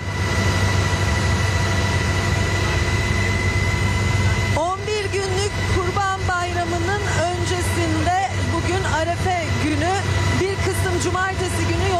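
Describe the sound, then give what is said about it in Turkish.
Loud, steady droning of helicopter engine and rotor noise inside the cabin of a gendarmerie helicopter carrying out traffic inspections before Eid al-Adha, with a constant tonal hum; after about four seconds a person starts talking over the din. “NTV ekibinden …'da denetimin yapıldığı o helikopterde bizleri bekliyor.”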